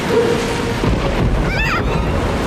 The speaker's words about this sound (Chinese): 没事的，皮特，这种小暴风雨吓不到我咔嚓船长的。也许这小暴风雨一点也不小，我们找个地方躲一躲。